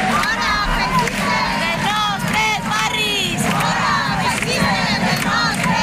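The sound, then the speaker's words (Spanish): A crowd of about 200 anti-fascist protesters surrounding a protest camp in Valencia, Spain, shouts and chants together. Many voices overlap in a loud, continuous roar of angry cries that rise and fall without pause. “Son los gritos de un grupo de 200 personas de ideología antifascista que rodeó la acampada como respuesta a una convocatoria que se había hecho por redes sociales por un colectivo de ultraderecha de una concentración en contra de esa acampada”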